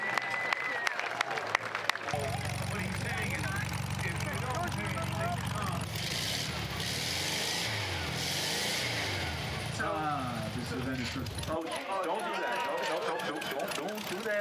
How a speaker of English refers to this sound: Big round of applause.